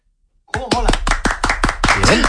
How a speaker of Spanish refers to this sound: ¿Estabais tardando en darle un aplauso a Vitaldent? Claro que sí. Muy bien.